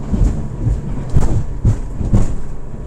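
A small boat engine chugs steadily on a boat ride from Nuuk into the fjord toward the Kobbefjord research station, a loud low rumble with rhythmic surges roughly every half second and a hiss of wash above it. No one speaks.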